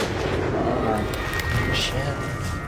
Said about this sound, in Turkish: avlaması gereken ayıya ateş etti. Vurdun mu? Vurduğumdan eminim. Vurulmuş gibi yuvarlandı.